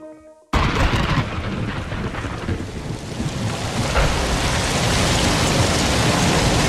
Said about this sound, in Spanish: Lloviendo, sí, llueve. Llueve en muchos puntos de España, sobre todo en Levante. Y llueve, pero claro, llueve demasiado y eso no es bueno. Asusta.